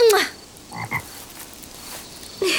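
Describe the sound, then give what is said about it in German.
A toad croaks after being kissed, in a few short, buzzy bursts, one at the start, a softer pair in the middle and another at the end, with quiet pauses between and no talking. “Es scheint der Kröte gefallen zu haben.”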